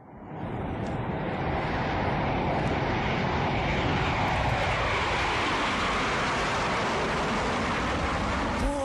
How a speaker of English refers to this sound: Boy, just like we had done that time we were on our airplane trip to Chicago, so we did it again. Went zooming up through the middle of the sky.